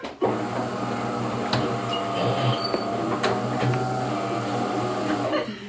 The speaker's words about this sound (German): Sie setzt die Kaffeemaschine in Gang.